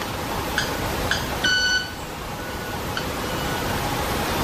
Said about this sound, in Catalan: Pensava que era un sai que s'havia posat en marxa. Quasi. No. És l'ocellet que va fent les seves... Sembla un timbre d'alguna cosa d'aquestes... Sí. Sí, mira com van fent. Dels semàfors o una cosa així.